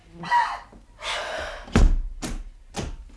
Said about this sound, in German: Aber was ist dann los? Was schmeißt dann die Tür so zu und schließt ab?